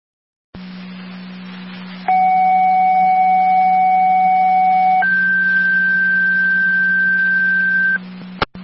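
Fire dispatch paging alert tones over a radio channel, the second set of tones for a mutual aid request to the City of Niagara Falls calling a driver or EMT to the hall for an EMS call: a steady tone lasts about three seconds, then a second, different pitched tone holds for three more, over a constant low hum and static.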